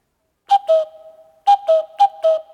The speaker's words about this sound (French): Oh, le coucou ! Où est-ce qu'il se cache ? Qu'est-ce qu'il fait ? Ben quoi ? Il sait même plus faire coucou.